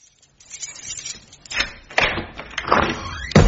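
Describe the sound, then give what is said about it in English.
A door is shoved repeatedly against something blocking it, producing a series of heavy thuds and rattling knocks that grow louder, ending with a sharp bang. “Something blocking the door!”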